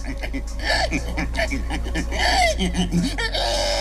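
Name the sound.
human imitating a pig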